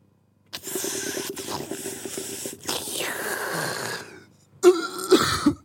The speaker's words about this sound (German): Nicht ins Mikrofon husten.